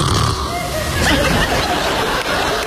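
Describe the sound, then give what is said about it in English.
A comedian imitates a husband's loud, rasping snoring, a rough, throaty rumble with snorting bursts that carries on steadily through the whole short stretch. “comedian … talks to wives about husbands who snore.”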